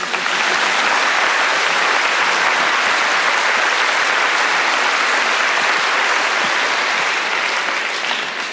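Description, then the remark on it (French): Sustained applause from an audience applauding Saint Thérèse, whose relics are presented for veneration, a dense, steady clapping wash that stays loud and even for the whole stretch, with no voices standing out above it. “On peut applaudir Sainte Thérèse.”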